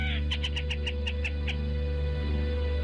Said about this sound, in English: The black rail offers a wide range of vocalizations, but here's a typical song. The black rail, Lateralis jamaicensis. Today's Talkin' Birds featured feathered friend.